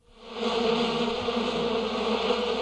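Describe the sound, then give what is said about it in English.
A steady bee buzz fades in quickly and holds at a continuous drone, rich in layered harmonics, with no voices present. “Who opened the window? Something special going on with bees today, is that right?”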